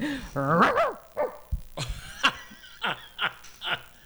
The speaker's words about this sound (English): Oh, may aso dito.